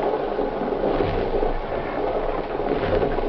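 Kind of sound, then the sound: vehicle, moving passenger train interior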